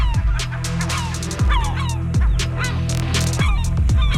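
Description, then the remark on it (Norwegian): Loud, harsh cries of gulls in Stavanger repeat in quick bursts, several birds calling over one another with squawking, honking notes and no voices present. “Ja, for 8 personer skal ha blitt bitt av måker I Stavanger den siste uken, skriver Stavanger Aftenblad.”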